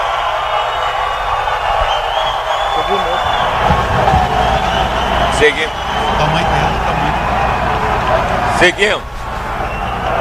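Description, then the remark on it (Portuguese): A large crowd of fans chants Neymar's name and cheers loudly and continuously at a CBF World Cup squad announcement, a dense wall of voices with a few sharper shouts rising above the roar around the middle and near the end. “Agora com convocação com torcida é diferente, hein? Agora os gritos de Neymar, Neymar, Neymar.”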